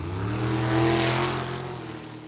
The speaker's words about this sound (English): and enjoy the sights, sounds, and the horsepower. Fast cars, loud nights, family fun, and a full summer of racing.